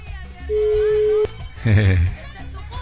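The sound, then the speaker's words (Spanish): A telephone rings with a steady, mid-pitched electronic tone held for under a second, followed by a louder, buzzier burst of warbling sound. “Ah, es falsa alarma, pero estaban sonando.”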